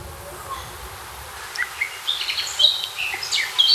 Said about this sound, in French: La fauvette à tête noire qui chante. Oh, j'adore.